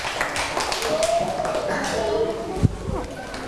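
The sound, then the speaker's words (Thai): A classroom of children claps for a pair of classmates being invited to come forward with a microphone to present, in a steady, dense patter of many hands, with a single sharper clap near the end and faint voices underneath. “เอาละค่ะเดี๋ยวจะให้ตัวแทนของเรานะคะสัก2คู่ในห้องต้นทางของเราลองออกมาพูดถึงสิ่งที่เราได้สังเกตเห็นกันค่ะเชิญเลยค่ะคู่ที่1ค่ะเชิญเลยค่ะพร้อมกับไมค์ออกมาด้วยนะคะขอเสียงปรบมือให้กับเพื่อนหน่อยค่ะ”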